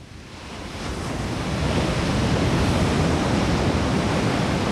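Steady roar of ocean surf washing onto a beach, swelling over the first second and then holding loud and continuous, with a windy hiss and no voices.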